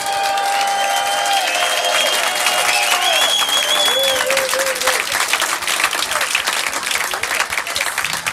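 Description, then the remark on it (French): A large audience claps loudly and continuously for two musicians, a dense roar of applause, with a few whistles piercing through early on before the clapping carries on steadily. “Alors là, je veux pas une salve d'applaudissements. Je veux un tonnerre, je veux un tsunami pour … et ….”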